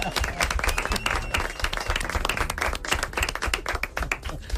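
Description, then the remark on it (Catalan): A crowd applauds steadily, many hands clapping in a dense, continuous patter that holds at an even, fairly loud level throughout, with no one speaking. “Porta aplaudiment, molt bé!”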